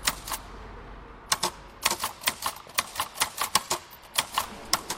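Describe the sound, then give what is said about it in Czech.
A manual typewriter clacks away inside St. Joseph's church in Schalke, Gelsenkirchen, Germany, in quick, uneven bursts of sharp keystrikes, with brief pauses between runs and a quiet tone underneath. “Nečekal bych to, ale uvnitř kostela klape psací stroj”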